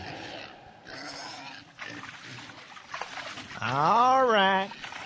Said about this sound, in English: that manure-hauling adventurer, is out in his backyard, feeding the pigs.